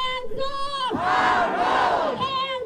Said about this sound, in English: Hundreds chanted No Jim Crow 2.0 and shame as lawmakers met to approve new maps splitting Memphis and its majority black voting bloc into three districts, one of which spans nearly 300 miles.